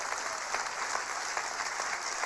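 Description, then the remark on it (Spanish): Audience applause fills the whole stretch, a dense, steady wash of many hands clapping at once with no pauses and no voices standing out. “Vamos, aplauda más fuerte porque esto tiene sentido.”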